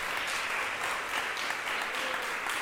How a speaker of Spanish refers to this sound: ¿Cuánto le damos un aplauso al Rey de Reyes y Señor de Señores? Gloria a Dios.